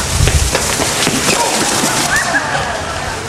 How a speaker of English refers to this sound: I'm sorry. I was just trying to get in there before they close. I didn't mean to knock all your stuff over like that.